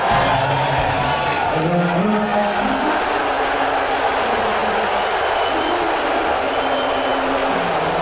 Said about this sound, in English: He was greeted by thunderous boos.